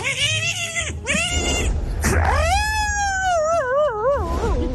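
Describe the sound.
A man vocally imitates a dog fighting a cat when the cat feels alone, the dog shaking it: short yowling cries, then a long wavering caterwaul, loud, with no spoken words.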